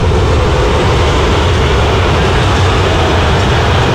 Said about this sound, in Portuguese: Muitas vaias, torcedor tá xingando bastante o Luiz Castro, tá mostrando aquele dedo, tá fazendo sinal pra ele, o gesto claramente, CCD, é no Luiz Castro.